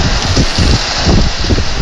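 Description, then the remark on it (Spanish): Heavy rain pours down steadily while gusts of wind rumble and buffet the microphone, a loud, dense wash of outdoor storm noise with no voices. “Disminuye el frío cuando hay lluvia. El problema es después cuando hay... ¡Ay, Dios, que suena fuerte!”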